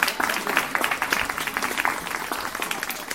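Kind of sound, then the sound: crowd, audience applause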